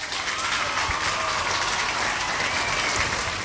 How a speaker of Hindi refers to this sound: तो सभी ने बिल्कुल सही जवाब दिया है, तो आपके लिए बजेंगी तालियां।